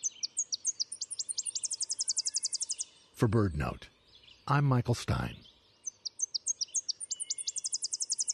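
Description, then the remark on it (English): A Tennessee warbler sings a loud, rapid series of high staccato chips, repeating throughout; a man speaks briefly in the middle, with the song resuming clearly afterward. “When there's a budworm outbreak, Tennessee warblers eat almost nothing else.”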